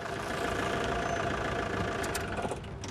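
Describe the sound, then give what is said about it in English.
A car engine idles steadily after the car pulls into a parking space on the roof of a multi-storey car park, a constant low rumble with a faint mechanical hum that holds level throughout, with no voices. “Leanne's car pulls into a parking space on the roof of the multi-story.”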